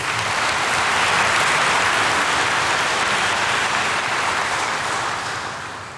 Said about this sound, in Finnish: Annetaan heille kaikille aplodit.